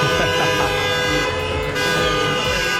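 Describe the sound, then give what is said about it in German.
Loud, sustained car horns blare continuously, several overlapping tones honking at once over a busy street with engine rumble, dense like a celebratory convoy of cars driving laps through Homburg's city centre along Talstraße past Christian-Weber-Platz after a 7:1 win and a public viewing. “Die Innenstadt war komplett voll mit Autos nach dem SR1 Public Viewing”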